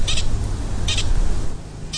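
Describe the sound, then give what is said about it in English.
A pika gives short, high-pitched squeaking alarm calls, three brief chirps spaced about a second apart over a steady low rumble of background noise. “So we have our first pika of the morning.”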